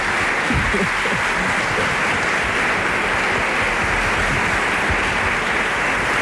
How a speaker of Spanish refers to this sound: Bueno, un aplauso, por favor.